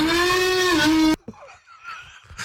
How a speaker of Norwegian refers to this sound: Det er en mann som tar mikrofonen inn i munnen og hyler.